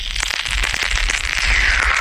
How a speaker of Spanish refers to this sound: Cuyo sonido sonaba, pero es que te metías el caramelo en la boca, he dicho eso, pero es que este era el ruido que hacía el caramelo cuando te lo metías en la boca.